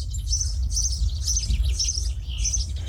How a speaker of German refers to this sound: Abend, meine Vögelein. Hier sind wir also jetzt zu Hause.